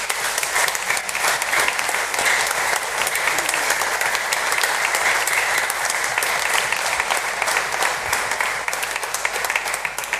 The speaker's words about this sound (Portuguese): e portanto a nossa gratidão ao Padre Pedro com uma grande salva de palmas.